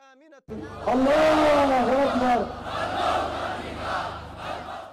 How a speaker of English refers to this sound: Hundreds of Ansarullah Houthi supporters have rallied in Yemen's capital, Sana'a. They're celebrating the group's military gains. The crowd chanted in support of the group, performed traditional jab dance and waved the Yemeni flag.